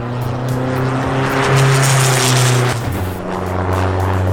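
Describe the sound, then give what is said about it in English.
The engine of a hydrogen-powered JCB car built for a world land speed record attempt roars loud in a steady, deep harmonic drone during a run. The pitch climbs briefly midway, then settles back, with no voices present. “The man who's tasked with driving a hydrogen-powered JCB car in a world land speed record attempt this summer is pleased with the latest results.”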